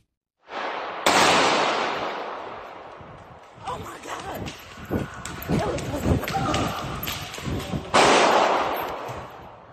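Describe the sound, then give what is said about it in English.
Gunshots ring out during a shooting inside a large echoing mall outside Detroit, Michigan, two loud blasts with long reverberant tails bracketing a rapid cluster of sharper cracks, amid muffled voices and commotion. “We're going to show you some disturbing video of what sounds like gunshots going off inside the mall.”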